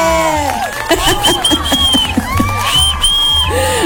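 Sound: applause and cheering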